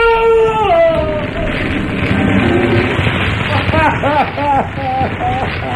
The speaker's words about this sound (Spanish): El fuego del horno crepita con más fuerza por un instante.